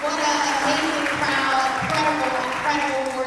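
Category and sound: crowd, audience applause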